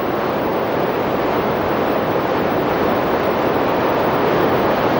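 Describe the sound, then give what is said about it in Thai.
Wang Kaew Waterfall, a limestone waterfall, roars steadily and loudly as water flows down over rock layers, forming a dense, unbroken hiss that never lets up. No voices are heard. “ไหลเลาะลงไปตามชั้นหินและกลายเป็นที่มาของน้ำตกวังแก้วน้ำตกหินปูนที่มีความสวยงามที่สุดแห่งหนึ่ง”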